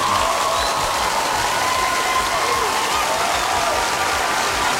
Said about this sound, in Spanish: ¡Feliz Día del Maestro! ¡Fuerte los aplausos!